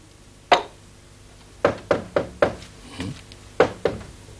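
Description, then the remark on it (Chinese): Sharp knocks on a wooden door: one rap, then a quick run of four, a softer pair, and two more after a pause, fairly loud with no talking. “不开啊，不开门。”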